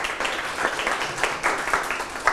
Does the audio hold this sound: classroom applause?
yes